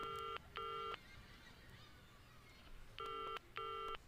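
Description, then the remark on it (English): A telephone rings in a loud double-ring pattern, two quick electronic trills, a pause of about two seconds, then two more, over a low background hum. “Answer the phone, will you?”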